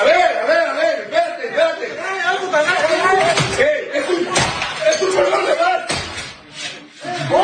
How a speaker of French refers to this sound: Donc, ce qu'on voit, c'est des hommes armés qui défonce, on entend bien le bruit, la porte de sa résidence. Elle a filmé, en fait, un Facebook Live qui fait le tour des médias sociaux.